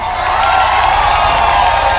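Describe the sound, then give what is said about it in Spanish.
A dense, steady wash of crowd applause with cheering for a maestro's single-take performance, loud and sustained for the full two seconds without a break. “Un aplauso al maestro Sergio, una sola toma.”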